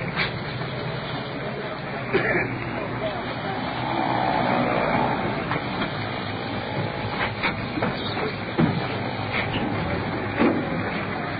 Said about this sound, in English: That sounds like the ambulance right now.